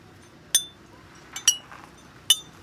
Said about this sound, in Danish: Kan vi ikke lige høre, hvordan de stemt flaskerne? Jo, I får lige de tre forskellige her.